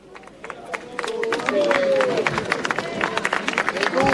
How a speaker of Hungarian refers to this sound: Kedves hallgatók, ahogy hallják a tapsot, megérkezett a Szent Atya Leó pápa a helyszínre.